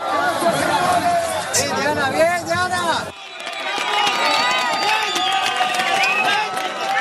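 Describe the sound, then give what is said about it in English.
A crowd erupts in excited cheering and shouting as a woman is rescued, many voices overlapping loudly and continuously, with a brief dip partway through before the jubilant din swells again. “when you hear that cheering, that joy, does that take you back to those moments when you managed to pull those seven out?”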